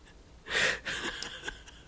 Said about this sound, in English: I don't know if y'all can hear somebody aggressively sneezing outside the studio. Bro, take a Zyrtec.